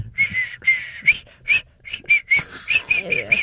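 Someone whistles a short tune up close, starting with a few long held notes and then moving into quicker, choppier notes, with faint low rumbling underneath.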